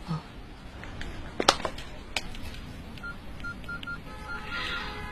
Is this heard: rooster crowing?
no